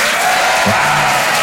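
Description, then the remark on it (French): An audience in a hall applauds loudly and steadily, welcoming a performer on stage, a dense wash of clapping hands filling the whole clip, with a brief low voice-like murmur underneath partway through. “Bonsoir, applaudissements, vous allez bien?”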